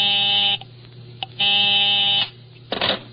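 A telephone busy signal: harsh, buzzy tones pulsing on and off over a phone line, heard clearly and alone, ending with a brief clatter like the receiver being handled.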